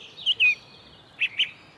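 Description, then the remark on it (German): A song thrush in the Ohlsdorf cemetery gives its alarm call at a young eagle owl: four sharp, high chips delivered in two quick pairs, clear over a quiet background with no voices. “Er fällt aber auf einer Singdrossel.”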